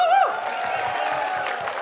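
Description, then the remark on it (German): A crowd applauds and cheers at a festival of Vorarlberg music, in a dense, steady wash of clapping, with a high shout or whistle rising briefly at the start before settling into a continuous roar. “Ein Riesenapplaus an euch einmal.”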